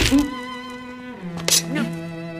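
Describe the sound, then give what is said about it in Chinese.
A single sharp punch lands on a person midway, a quick thump cutting through a drawn-out vocal sound that carries on before and after the hit. “你要是不爱我，就再打一拳。”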